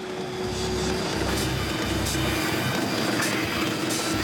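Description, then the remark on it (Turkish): A heavy rail snow-clearing machine pushes snow from the rails and sides forward with its plow, grinding and roaring steadily along the tracks, a dense mechanical rumble with a sustained whining tone and scraping hiss, sounding strained and laboring as it starts to stall. “Bu makine durmaya başlıyor.”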